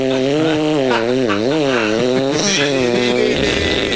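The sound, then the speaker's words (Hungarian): A voice imitates a saw with one steady, loud, buzzy tone whose pitch wavers and slides up and down for about four seconds, then roughens into a grittier rasp at the end. “Jó, add be most, mutatom a fűrész hangot, tedd vissza, figyeld, hallgass!”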